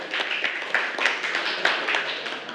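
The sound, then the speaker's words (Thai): A group of students in a class clapping together for the last student, who answered correctly, a dense, steady patter of many hands that carries on evenly for a couple of seconds with no voices over it. “ถูกต้องนะคะเก่งมากค่ะปรบมือให้กับคนสุดท้ายของเราค่ะ”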